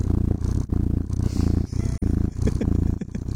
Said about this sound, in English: The unending sounds of cats purring. I can see how this would work. Yeah. There's something very soothing about the sound of a purring cat.